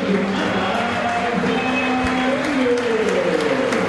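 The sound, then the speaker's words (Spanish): A large stadium crowd applauds the players in cold weather, a dense, even patter of clapping with some murmured voices and a faint tonal voice running underneath throughout. “Mira vos, Merentiel ya no tiene los aplausos de antes.”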